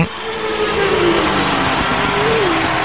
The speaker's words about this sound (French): mais je voudrais bien entendre un peu des moteurs tourner. Ok, bah je t'ai fait goûter là, je suis dans les paddocks à São Paulo. Je t'ai fait goûter le moteur. Ah, on s'y croit là.